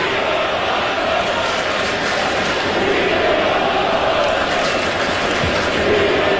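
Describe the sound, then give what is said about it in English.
A large Mets baseball crowd chants the name of player Pete Alonso in unison, a loud, continuous roar of many voices that holds steady for the whole stretch without letting up. “You can hear the Mets crowd chanting something.”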